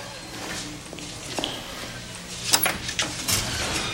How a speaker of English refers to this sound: He opened the door for the people. The wife just pushed him out.